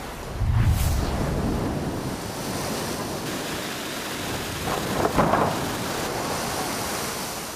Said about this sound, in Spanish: Y Long Beach también vive una crisis por las marejadas. Así se viven los daños que han dejado en el malecón. Las olas comenzaron a golpear con fuerza cerca de las 10 de la noche y continuaron hasta horas de la mañana, arrancando pedazos de madera